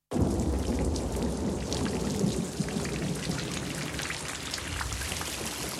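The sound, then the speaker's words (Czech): Heavy, steady rain pours down in a dense hiss while deep thunder rumbles low underneath, a continuous storm with no voices. “Venku blýskalo a hřmělo.”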